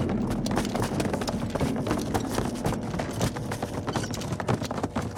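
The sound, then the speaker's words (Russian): Many heavy footsteps pound quickly and close together: a group of soldiers who have jumped out of windows runs hard on a firm surface at a fortress. The thudding impacts overlap steadily for several seconds with no talking. “Бойцы лейтенанта выпрыгивают из окон и бегут.”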